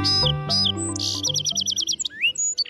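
A bird sings a bright, varied song on the radio program BirdNote: quick descending whistles, a rapid trill of repeated high notes, then rising and sliding calls, heard over a steady low musical hum.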